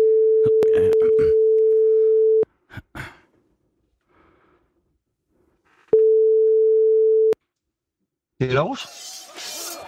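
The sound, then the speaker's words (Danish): A steady, clear telephone ringing tone of an outgoing call plays twice with a long pause between, soft breathing in the gap, then a clatter as the line picks up. “Så ringer vi.”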